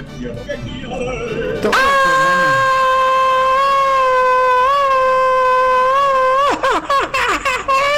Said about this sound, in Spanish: Eso es todo, caramba, como grito mexicano